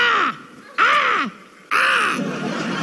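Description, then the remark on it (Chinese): During an on-stage cold-joke contest, a person loudly mimics a crow to signal that a joke is cold, letting out three harsh, raspy caws in a row; the first two are short and clipped, the last drawn out longer. “就是代表很冷， 跟乌鸦一样，好不好？”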